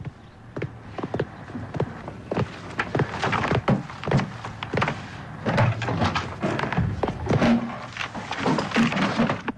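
Someone rummages hastily through books in a drawer nearby, producing a steady flurry of knocks, thumps and shuffling, with a door opening amid the clatter.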